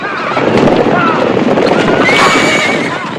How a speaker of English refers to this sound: kicks away the poles that bar the narrow exit, and scares away the horses who bolt out of the enclosure in a wild frenzy.